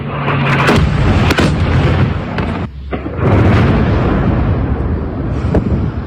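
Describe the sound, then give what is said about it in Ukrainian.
Heavy blasts from Russian guided aerial bombs striking Dnipro, Ukraine, around 5 a.m. erupt into a sustained rumbling roar, with sharp cracks cutting through, a brief lull, then another thunderous surge. No voices are heard. “Три дні поспіль, в один і той самий час, близько 5 ранку, російські війська атакують центр області керованими авіабомбами.”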